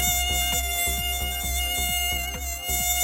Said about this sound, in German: Da ist doch so ein Vieh. Eine Mücke. Ja, weg mit die Viechers, ne?